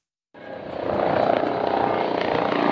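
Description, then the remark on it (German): A loud, steady helicopter roar starts abruptly after a brief silence and holds constant as two German Federal Police helicopters, loaded with sensitive radiation-measuring equipment, land at the Kaufbeuren airbase; rotor and engine noise fill the scene with no voices. “Die 2 Hubschrauber der Bundespolizei landen auf dem Kaufbeurer Fliegerhorst, beide voll bepackt mit hochempfindlicher Messtechnik.”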